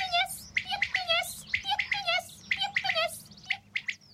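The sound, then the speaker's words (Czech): A common quail calls in open fields, its short liquid notes repeating in quick rhythmic bursts, clear, with other bird chirps mixed in and no talking. “Rozběhneme se a hned jsme v polích. Tam nás křepelka upozorňuje, že spoří.”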